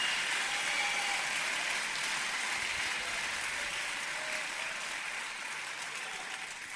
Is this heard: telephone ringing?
no